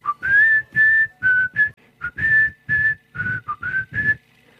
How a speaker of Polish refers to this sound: Solo na gwizdanie.